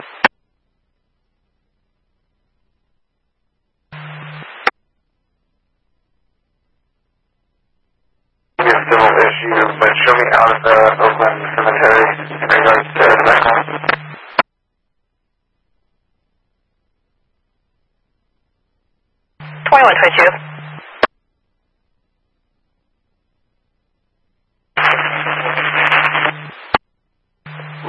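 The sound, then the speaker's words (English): Several separate bursts of crackling fire dispatch radio static, each with a low steady hum beneath. One long stretch sits in the middle and shorter bursts come at the start and end, with silence between transmissions. “It's all static.”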